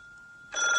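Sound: telephone bell ringing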